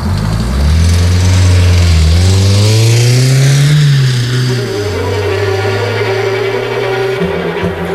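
A red passenger car's engine revs up loudly, its pitch climbing through the first few seconds before settling into a steady, strained drone as the car pulls away through an opened barrier at a fenced-off construction site.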